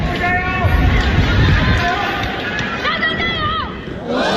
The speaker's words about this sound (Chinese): 现场观众的助威声不仅给主场作战的步云朝克特，也给深受球迷喜爱的德约科维奇，两人不负众望，贡献了一场精彩的对决。